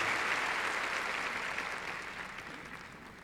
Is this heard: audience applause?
yes